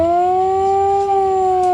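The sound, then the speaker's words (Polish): A loud Polish civil defense alarm siren wails in a sustained, rich modulated tone during a crisis-preparedness demonstration on a main market square. This is the alarm signal, which lasts 3 minutes. Its pitch swells slightly upward and then eases back down. No voices accompany it. “Alarm ogłaszany jest modulowanym dźwiękiem trwającym 3 minuty.”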